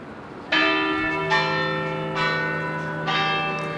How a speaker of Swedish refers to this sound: Kyrkklockor från centrala Köpenhamn, Rådhusplatsen skulle jag tro.